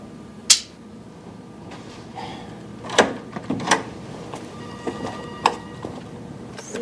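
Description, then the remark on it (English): A man opens a double door inside a building: a sharp latch click, then a cluster of clunks and rattles as the doors swing, with no talking. “Inside, he hesitates as he reaches to open a double door.”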